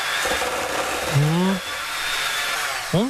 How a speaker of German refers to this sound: So, kurz in den Mixer.